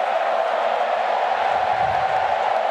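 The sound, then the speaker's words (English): A loud, steady roar of a football stadium crowd, with Freo fans making the din, a dense wash of many voices that holds at an even level throughout, with no single voice standing out. “Now we're getting noisy.”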